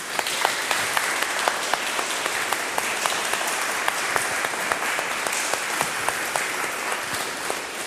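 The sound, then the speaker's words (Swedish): Steady applause from an audience for Bergatorn, thanked for their part in the praise singing, many hands clapping in a dense, continuous patter with sharp individual claps standing out, sustained for the whole stretch with no talking. “Men nu en liten applåd då till Bergatorn.”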